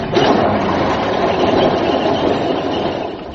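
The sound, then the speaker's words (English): An old engine is started up and runs at a steady, loud, rough chug with a broad rumbling hiss that holds level throughout, easing slightly toward the end; it runs on the same petrol used in Spitfires. No one speaks. “I'm going to start her up.”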